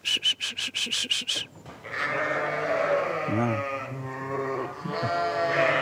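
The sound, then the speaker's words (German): A flock of about 150 Basco-Béarnaise milk sheep in Langenburg, Schwäbisch Hall district, bleats loudly and continuously, many wavering calls overlapping, as the sheep rush off at their shepherd's word. It begins with a quick run of rhythmic thumping pulses, like the animals surging forward. “Und die Schafe, die dort leben, die folgen ihrem Schäfer”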